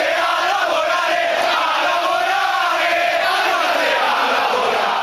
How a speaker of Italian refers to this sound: Non è un buon segno quando i tifosi iniziano a intonare all'indirizzo della propria squadra un coro del genere.